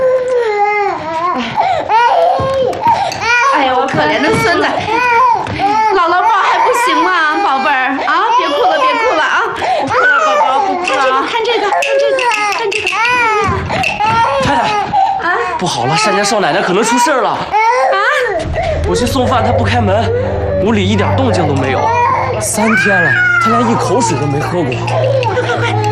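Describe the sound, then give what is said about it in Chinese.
An infant wails loudly and persistently even though it has already been fed, the cries rising and falling in pitch while adults talk over it; a low steady hum comes in toward the end. “你不是喂过了吗？喂过怎么还哭啊？”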